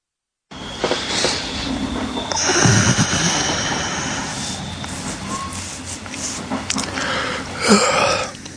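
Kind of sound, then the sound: vehicle, train carriage interior ambience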